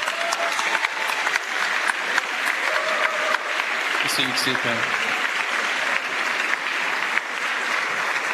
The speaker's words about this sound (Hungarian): Még egyszer köszönjük az Emmanuel közösség tagjainak a zenei szolgálatot. Még egy nagy tapsot úgy gondolom megérdemelnek.